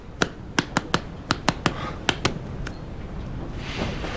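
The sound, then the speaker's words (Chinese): About ten sharp hand claps in an uneven, scattered rhythm over a faint hiss, bright and crisp, then the clapping stops and only low background noise remains. No one speaks. “幼儿园入学考试题，听懂掌声。”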